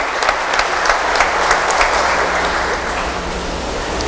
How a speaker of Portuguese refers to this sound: E da comunidade, uma calorosa salva de palmas, né? Por esses adultos que estão aí empenhados nesse processo.